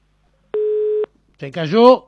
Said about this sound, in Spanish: Se cayó la línea telefónica y me voy con el WhatsApp